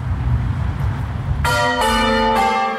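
Church bells ring out in three quick, overlapping strikes with long, shimmering tones, following a moment of low rumbling background noise. The peal is loud.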